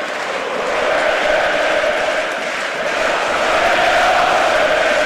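A huge stadium crowd at Toumba, during the Greek national football team's match against Germany, roars continuously. It is a dense wall of cheering and chanting voices that swells slightly and stays loud throughout, with no single voice standing out.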